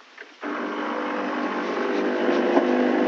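After a brief quiet moment, a coffee machine kicks on abruptly to brew the first morning coffee and runs with a steady, loud mechanical whirring hum that holds its droning pitch to the end.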